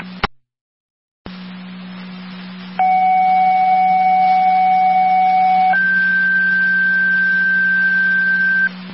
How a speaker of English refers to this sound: We know a set of tones for a driver or EMT.